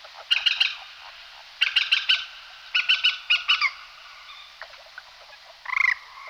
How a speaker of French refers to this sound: On vient au bord de l'eau et on va trouver ce qu'on appelle la galinule. C'est la poule d'eau qui est bien commune sur les petites étendues en général, pas les grands lacs, plutôt les petites mares ou les étangs.